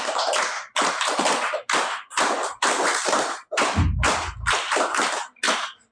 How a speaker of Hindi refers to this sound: बहुत बहुत धन्यवाद सभी बच्चे, ताली बजाओ,